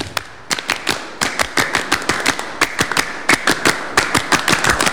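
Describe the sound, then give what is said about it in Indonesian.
Rhythmic Pramuka (Indonesian scout) clapping, the scout clap done twice by scouts from SMP Negeri 1 Dagangan in an RRI radio studio: a patterned sequence of sharp, loud claps in quick groups with brief pauses, repeated through the whole stretch with no talking. “Dua kali tepuk pramuka.”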